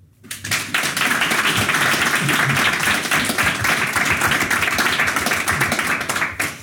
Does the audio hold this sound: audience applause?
yes